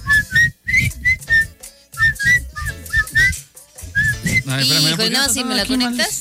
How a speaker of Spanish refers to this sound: A ver. Ay, mi chiflito está horrible.